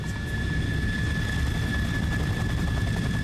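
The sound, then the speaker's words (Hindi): Steady, dense mechanical rumble with two thin high-pitched whines running throughout, like aircraft engines and machinery echoing inside a large military airbase hangar, where aircraft are kept for repair, technical maintenance and cleaning. The sound is continuous and fairly loud, with no voices. “एक दिन की बात है, वो एयरफोर्स कमांड ऑफिस से लौटते हुए सैनिक हवाई अड्डे के हैंगर में पहुंच गए।”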